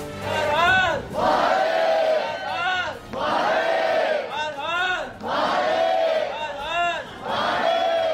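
A large crowd of devotees waiting for darshan at the Somnath Mahadev jyotirlinga temple chants 'Har Har Mahadev' and 'Jai Somnath' in unison: loud, rising-and-falling shouted phrases repeated in a steady rhythm, with short breaks between each collective call.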